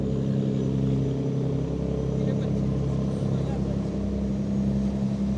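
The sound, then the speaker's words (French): The deep, steady diesel rumble of a large French cargo boat's engine, the boat 80 metres long, 9.5 metres wide and 1,426 tonnes empty; a low droning hum that holds at a constant, fairly loud level throughout. “Mais je vois que c'est un bateau français”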